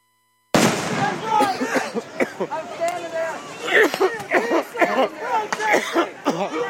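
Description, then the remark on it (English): Sharp gunfire-like bangs, rubber bullets being fired into a crowd for a second time, opening with a sudden loud blast and followed by further scattered pops under a din of shouting, agitated voices. “Fired onto the crowd for a second time.”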